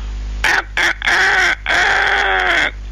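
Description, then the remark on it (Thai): A rooster crows loudly, a few short choppy notes rising into a long, drawn-out harmonic call, with no one speaking over it. “ถึงเวลาไก่ขันละ”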